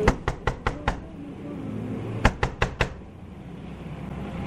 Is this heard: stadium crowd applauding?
no